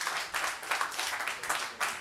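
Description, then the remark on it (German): An audience applauds with a dense, steady patter of many hands clapping, moderately loud, with no voices over it for the whole couple of seconds; the applause is a vote for Igor Levit's recording to advance to the next round. “Ich möchte gerne Ihren Applaus oder Nicht-Applaus hören.”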